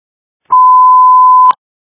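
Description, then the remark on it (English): A single loud, steady electronic alert tone holds one pitch for about a second, starting and stopping with a faint click, with silence on either side and no voices. “Voice ringtone.”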